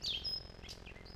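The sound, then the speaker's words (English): A bird sings a brief, high whistled phrase, a sliding note followed by a sustained tone and a few softer chirps, over a steady low background hum. “This has been WSHU's Birdsong Break.”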